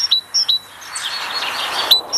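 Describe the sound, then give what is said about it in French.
A tit sings a clear, high two-note phrase repeated in a steady rhythm, bright, with a soft wash of background noise between the phrases. “C'est la mésange.”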